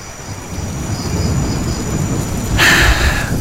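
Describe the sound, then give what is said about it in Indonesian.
Steady rain hisses continuously beneath a deep, rolling rumble, with the downpour swelling louder and brighter in the final second. No one speaks. “Hujan gini, masih ingat waktu kita belum terkenal ya?”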